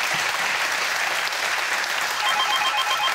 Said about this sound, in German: Der Applaus geht zu Ihnen nach Buchholz in der Nordheide.